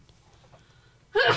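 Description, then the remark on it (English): A single sudden, loud sneeze bursts out near the end after a stretch of quiet background, sharp with a breathy, voiced edge. “Bless you”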